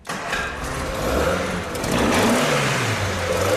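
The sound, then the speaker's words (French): The restored GT engine of a Cortina car cranks and catches at once, starting first time, then revs with a rising, rumbling roar that holds loud and steady, its pitch climbing and settling. “Puisqu'il démarre au quart de tour, la restauration peut entrer dans sa dernière ligne droite.”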